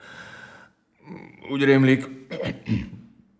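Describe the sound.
A voice performs a throat clearing followed by a couple of short coughs, fairly loud, in a few rough bursts with brief pauses between them.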